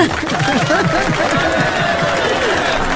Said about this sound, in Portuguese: Não tem jeito, palmas, ele arrasa.